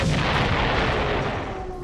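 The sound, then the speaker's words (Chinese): Bomb explosions from a Japanese air raid on the city of Kunming, China, roll together into a loud, dense, deep rumble of blasts, continuous before easing slightly at the very end. No voices are heard. “正在这时，刺耳的警报声又响了起来，随之而来的是日机的引擎轰鸣声，昆明城内四处响起了爆炸声。”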